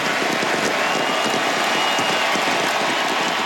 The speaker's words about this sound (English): The roar of the Buenos Aires crowd for Lionel Messi last night. He played his final game for Argentina on the international stage.